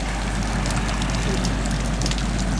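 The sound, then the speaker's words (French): Faint underwater crackling, heard with the head dipped in the water while floating on the back, a dense scatter of tiny crisp pops and clicks fizzing over a steady low rumble, continuous and even throughout. “J'ai fait la planche et mis un peu la tête dans l'eau et j'ai entendu ce crépitement, là, ce petit crépitement de beaucoup moins fort.”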